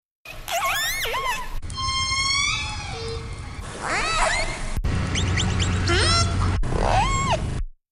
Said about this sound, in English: The sound of orcas off the West Coast. You can hear their calls in a new audio catalog that is now available online.